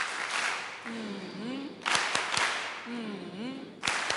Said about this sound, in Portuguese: Queria pedir aos meninos aquelas palmas carinhosas para a nossa Presidente e a Assembleia da República.